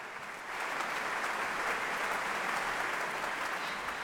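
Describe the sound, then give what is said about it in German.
A large audience applauds steadily with bravo shouts for a 31-year-old cellist and an orchestra after a festival opening concert at the Musik- und Kongresshalle in Lübeck; a dense wash of clapping swells in after a brief softer start and holds at full strength throughout. “Viel Applaus und Bravo-Rufe für die 31-jährige Cellistin, die immer noch wie ein junges Mädchen aussieht,”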